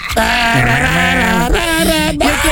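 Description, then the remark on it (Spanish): Goats bleat loudly in a continuous, quavering cry, the nasal pitch wobbling up and down, then breaking into two or three shorter shaky bleats toward the end. “El grito de los chivos.”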